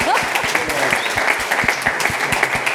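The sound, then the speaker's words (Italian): A crowd applauds steadily, a dense wash of many hands clapping at once, sustained, with a few louder individual claps standing out through the roar. “E allora facciamo un applauso.”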